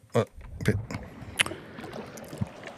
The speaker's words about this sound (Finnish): Liplatus alta.